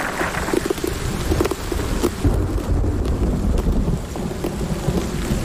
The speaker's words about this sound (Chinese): 冰雹逐渐停止，破败的树林和草地又恢复了平和的状态。